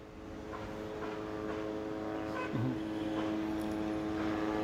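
A steady, droning buzz of drones hovering overhead over the western part of Gaza City, continuous and unwavering throughout, constant, with no voices.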